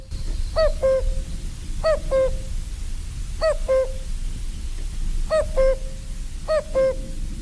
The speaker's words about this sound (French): Le coucou, on a beaucoup de mal à l'entendre, à moins d'aller dans les forêts, dans les bois. Mais ici, dans le milieu bocager, milieu agricole...